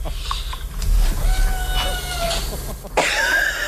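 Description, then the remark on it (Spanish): A cat meows in a long, drawn-out, steady-pitched cry over a constant low rumble of background noise, followed by a short, harsher burst of sound at the end. “Sí, oímos que maulla, maricón.”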